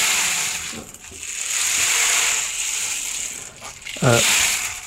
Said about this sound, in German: Ja, es ist eigentlich ein Percussion-Instrument. Das kann man auch kombinieren. Genau. Oh, wow. Klingt wie ein Regenmacher, so ähnlich ist es auch. Ja. Ne? Ja. Aber halt flächiger.